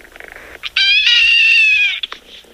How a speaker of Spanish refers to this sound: Oigan, hace rato la gatita Anita, la gatita de Rosita. Mira, me salió puro verso sin esfuerzo. Maulló y le pregunté a Rosita que qué le hizo, que si le jaló la cola.